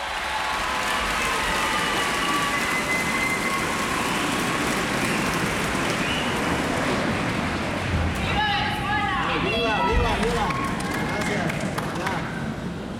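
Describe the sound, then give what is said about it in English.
The audience in Atlanta's Symphony Hall claps loudly and without pause for an encore from trumpeter Pacho Flores after a Marquez performance, a dense steady roar of applause, with shrill whistles and cheering voices breaking through near the end. “And of course, after that Marquez performance, the crowd in Atlanta's Symphony Hall will not let Pacho Flores get away without an encore.”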